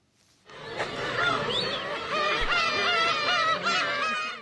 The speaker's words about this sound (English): And before we go, black-tailed gull chicks are hatching on an island in northern Japan. The seabird is known in Japan as umineko, or sea cat, because its chirp sounds like a cat's meow.